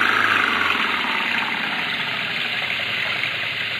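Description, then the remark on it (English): A car engine, revved while the car is stuck in mud, runs loud with a steady, rough drone that holds at an even level for the whole few seconds, without any clear rise or fall in pitch. No one speaks. “They're stuck in the mud. Give it the gun”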